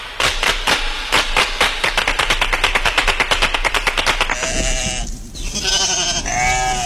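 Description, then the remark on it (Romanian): A rapid, rattling burst of sharp pulses runs for about four seconds, then gives way to several loud sheep bleats with a wavering, quavering tone. “Ăla nu e balaur, e oaie!”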